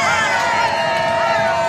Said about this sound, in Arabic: الجماهير الفرنسية